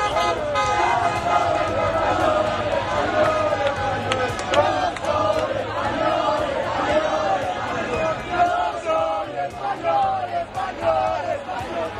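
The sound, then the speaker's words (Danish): A dense crowd in the streets of Madrid shouts and cheers continuously after a Spanish victory, many voices overlapping in loud celebration, with car horns tooting intermittently through the din. “Nej, lad os da komme en tur til Madrids gader.”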